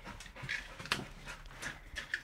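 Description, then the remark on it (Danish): A labrador detection dog searches for hidden heroin with its handler, sniffing busily: a quick series of short, airy snuffling breaths with faint movement noises between them, no talking. “Altså, det er en grundig hund, vi har med at gøre, ja.”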